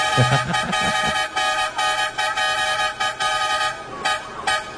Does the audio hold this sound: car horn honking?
yes